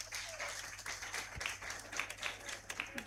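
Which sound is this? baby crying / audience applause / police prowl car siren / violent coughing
audience applause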